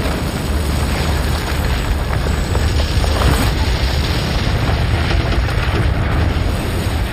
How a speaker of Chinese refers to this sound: 巨大的爆炸声震耳欲聋， 我们看到大桥似乎被炸飞了，到处都是灰尘和碎片，我们都看不清大桥究竟被炸掉了没有，但是没过多久灰尘就散去了。